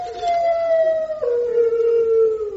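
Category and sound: animal, dog howling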